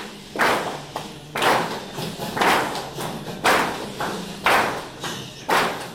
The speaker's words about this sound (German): Einfache Klatschspiele brechen das Eis. Die Teilnehmenden bewegen sich frei im Raum, wärmen Körper und Stimme langsam auf, spüren, wie man atmet, spüren, wie die Füße auf dem Boden stehen.